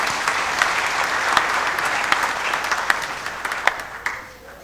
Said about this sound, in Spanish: Vamos a dar un aplauso para